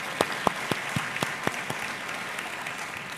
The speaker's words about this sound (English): So applaud you guys for working together in collaboration. Fantastic.